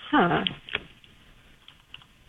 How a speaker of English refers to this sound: She's pulling it up. I hear you typing.